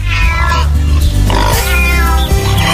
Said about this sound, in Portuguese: O gato miou.